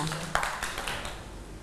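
A small group of children in a classroom clap in a loose, uneven patter for a classmate who has just spoken, with one sharper clap standing out early before the applause thins into a soft murmur.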